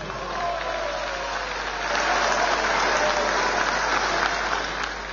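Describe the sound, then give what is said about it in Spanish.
Sustained applause from a large crowd at a meeting of delegates, greeting new mayors, assembly members and Governor Leonardo Loza, a dense steady patter of many hands clapping that swells slightly louder after the first couple of seconds and continues throughout. “Un fuerte aplauso.”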